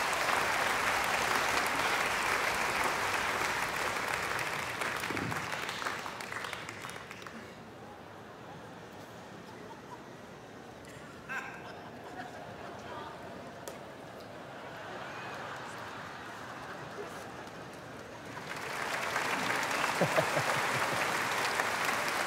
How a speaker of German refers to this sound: 800 Kilo, geben Sie mal einen Applaus.